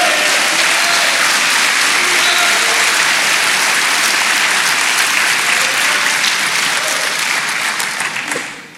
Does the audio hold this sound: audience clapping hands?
yes